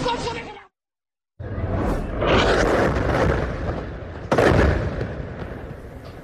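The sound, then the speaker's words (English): After a brief voice and a moment of silence, a loud explosion from an Israeli strike rips through a building in central Gaza, erupting into a long, roaring rumble of debris, with a second heavy surge of blast noise a few seconds later. “That's the explosion that ripped through a building in central Gaza.”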